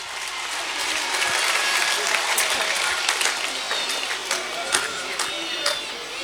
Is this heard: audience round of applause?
yes